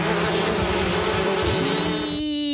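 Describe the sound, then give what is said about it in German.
A wasp buzzes loudly, a steady droning hum with a slight wavering pitch that rises toward the end as it moves, with no voices present. “Lifehack, so vertreibt ihr Wespen.”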